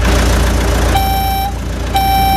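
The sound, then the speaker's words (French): A moving truck's engine idles with a low, steady rumble while a loud reversing alarm beeps twice, each tone about half a second long, evenly spaced. No one speaks. “Le camion de déménagement est là.”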